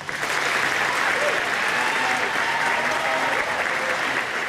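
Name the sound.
audience applauding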